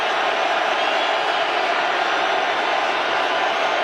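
A dense, steady roar from a big stadium crowd during a Raiders football game, as the Raiders defense faces a third down, loud and unbroken for the whole stretch, with no single voice standing out.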